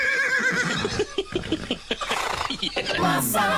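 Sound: horse neighing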